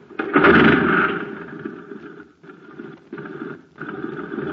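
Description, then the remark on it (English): A jet cycle engine running on ordinary fuel roars loudly at first, then sputters weakly, cutting out briefly twice before catching again with a ragged, uneven drone. No voices are heard. “Say, gang, talk about a putt-putt. Just listen to this jet cycle.”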